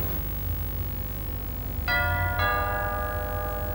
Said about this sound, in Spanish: Paul llama al timbre de una casa en una elegante urbanización.